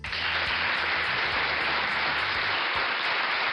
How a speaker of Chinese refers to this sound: 好，这个掌声是送给老耕牛和小马的啊。